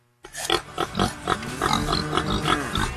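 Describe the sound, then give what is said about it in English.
Pigs grunting and snorting on a pig farm in Middletown, Missouri, a steady run of short, rough bursts that overlap into a busy, continuous chorus for about three seconds. “Every day, we raise pigs using resources wisely, protecting our water and caring for the land we call home.”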